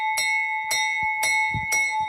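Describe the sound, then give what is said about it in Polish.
A fire brigade bell at a firefighting museum rings four times in a steady, rapid rhythm, each bright metallic strike sustaining a clear ringing tone that carries between hits, loud. “Czy uruchomić dzwon strażacki.”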